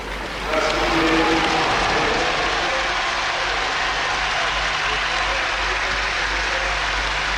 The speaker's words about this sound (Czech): Takhle se tleskalo. A teď stadion šílí, říká komentátor v angličtině. Na led přichází Ondrej Nepela, rodák přímo z Bratislavy.